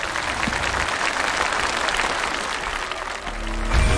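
Sustained audience applause congratulating a contestant on winning a round of a folk vocal music competition, a dense steady patter of many hands clapping at an even loudness for several seconds, with a low musical swell rising near the end.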